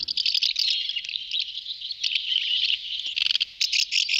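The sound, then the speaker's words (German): House martins chattering in a continuous, dense stream of high, dry chirps and twitters, steady, with a few brief dips before the calls pick up again. No voices. “Ja, Sie haben es ganz sicher erkannt. Das ist die Mehlschwalbe.”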